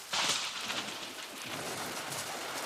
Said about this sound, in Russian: Хотя гром трещал по-прежнему, и молния полосовала все небо. Гроза хорошая, ничего, слава богу. Ножки маленько промякли от дождичка, а ну и ничего.